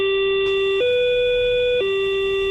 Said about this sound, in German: Das alte S-Bahn-Geräusch, das hat mir auch noch gefallen. Die neuen piepsen ja irgendwie nur noch.